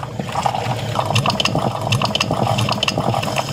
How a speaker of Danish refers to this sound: For mig, der er det, når jeg har sat min kaffe over om morgenen. Mm. Og det tror jeg er meget dansk lyden af kaffen, der er klar.